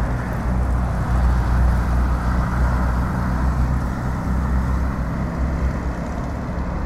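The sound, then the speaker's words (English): A dense, steady rumble of idling and slowly moving cars in a traffic jam, a continuous low engine drone with no breaks. “It's a traffic jam.”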